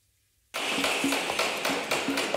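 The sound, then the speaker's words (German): Steady hammering as things are set up for the Hessentag in Fulda, Germany, about half a dozen sharp strikes with a slight metallic ring, over a busy outdoor background noise that starts abruptly after a moment of near silence. “Überall in Fulda hört man es hämmern oder klopfen und manchmal auch ein wenig leise fluchen.”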